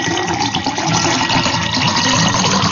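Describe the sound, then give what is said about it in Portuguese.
Water pours steadily into a glass as it is filled, a continuous splashing gurgle that stays loud and even for a few seconds with no voices over it. “E eu vou preparar meu copo com água aqui também, ó. Beleza. Enche o copo.”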